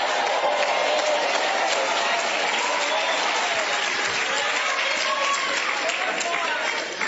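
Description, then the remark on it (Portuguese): A large church audience applauds steadily, a dense wash of clapping that stays loud and even for several seconds, with a murmur of voices mixed in. “A multidão, ó. Só gente pra tudo quanto é lado, né, irmãos?”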